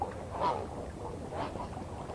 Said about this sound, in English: An angry bird, or perhaps the swan's just mean.